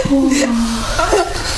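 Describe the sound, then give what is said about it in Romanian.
A drawn-out, wavering whimper, followed by a shorter broken sob, of someone crying softly in their sleep. The voice is subdued, with no words spoken. “Plânge în somn.”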